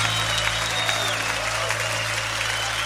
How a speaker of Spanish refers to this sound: Levanta tu aplauso a él fuerte.